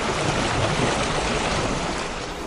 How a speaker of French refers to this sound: Voilà, un doux clapotis des flots.